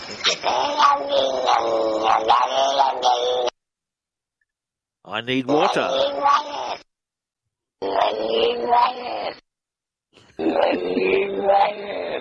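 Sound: cat yowling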